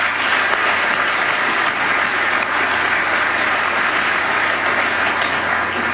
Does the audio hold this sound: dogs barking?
no